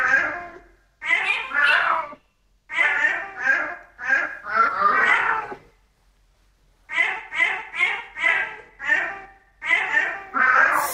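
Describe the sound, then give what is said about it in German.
A male cat named Barney meows over and over in quick, melodic runs over piano, singing a song melody, grouped into phrases with short pauses between them, loud. “Dann hören wir uns nochmal an, was Kater Barney da gemaunzt hat und dann sagen Sie mir hoffentlich die richtige Lösung.”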